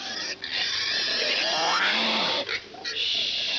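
Loud, harsh pig grunting, a rough, nearly continuous outburst broken by two brief pauses, with a squealing edge to it.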